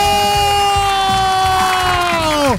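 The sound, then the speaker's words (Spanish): A loud crowd cheers and applauds for the winner of a raffle for a 50-inch TV, number 5115, over a steady, blaring horn-like tone that swoops down in pitch at the end, with rhythmic low thumps underneath. “¡Fuerte el aplauso!”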